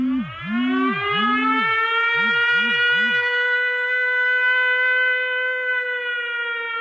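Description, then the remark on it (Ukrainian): A loud air raid siren wails steadily with a rich, rising harmonic tone, joined early on by a rapid series of pulsing, swooping low tones that fade after a few seconds, an air alert calling people to go down to shelters. “Повітряна тривога – звук, який змушує зупинити будь-які справи, розбудити дітей посеред ночі, взяти найнеобхідніше і спускатися в укриття.”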